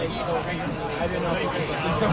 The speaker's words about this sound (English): looks like a sold out crowd here at Delta Dental Park at Hadlock Field.